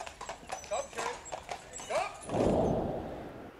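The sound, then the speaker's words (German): Horse hooves clip-clop in a steady rhythm, punctuated by a couple of short whinnies, followed by a louder rumbling rush of movement toward the end; moderately loud. “Jede Menge Pferdestärken in PS-Lohe.”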